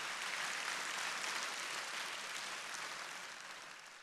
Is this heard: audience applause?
yes